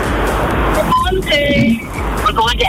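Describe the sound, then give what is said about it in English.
Steady, muffled road rumble from inside a moving car on the way to Emerald Park, with indistinct voices and chatter carrying over the constant low drone. “You're in the car.”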